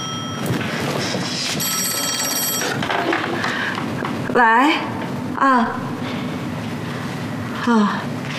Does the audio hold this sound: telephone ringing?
yes